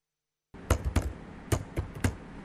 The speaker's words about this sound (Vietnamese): vẫn đều đặn gõ bàn phím mỗi ngày. Ông miệt mài viết về văn hóa dân tộc Ba Na Kriem.